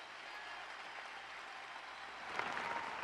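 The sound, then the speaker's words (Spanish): During a Spanish-language sermon, a crowd claps steadily, a dense wash of applause with no voices, swelling slightly louder toward the end. “¿Puede dar un aplauso fuerte?”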